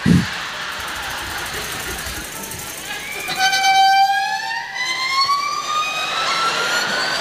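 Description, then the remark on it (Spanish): A cartoonish flying flip-flop sound effect: after a soft thump and a low rumble, a thin, buzzing whistle glides slowly upward in pitch and holds steady, whining like a siren or a mosquito. “Ruido de chancleta volando, por favor.”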